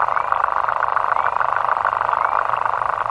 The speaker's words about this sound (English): But this one tiny water bug, called in fact the lesser water boatman, makes a sound almost as loud as a whale by vibrating its penis underwater at a very fast rate.